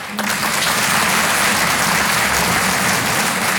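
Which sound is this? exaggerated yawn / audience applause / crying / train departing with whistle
audience applause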